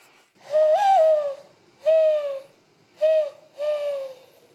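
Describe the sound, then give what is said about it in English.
A woman blows through her cupped hands to imitate a mourning dove's coo: four hollow, breathy hoots, the first longest, then three shorter ones, clear with no talking. “and even learned to coo like a dove by blowing into her cupped hands.”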